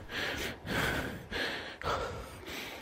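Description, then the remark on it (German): Heavy, rapid panting from a man who has just arrived after running a marathon: about five loud, breathy huffs in a steady rhythm, each a rushing burst of air, with no talking. “Als er dann endlich angekommen ist, schnaufte er ganz laut.”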